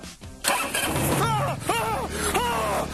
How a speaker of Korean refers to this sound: 자, 시동은, 자, 브레이크 잡고. 이걸 누르면 시동이 걸리는 거예요.